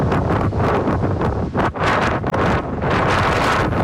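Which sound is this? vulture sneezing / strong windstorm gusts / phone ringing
strong windstorm gusts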